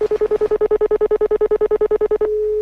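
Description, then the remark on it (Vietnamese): A telephone number is dialed in a fast, even string of about twenty short keypad beeps, clear, ending in a steady held tone. No one speaks. “anh gọi cảm ơn người ta đi.”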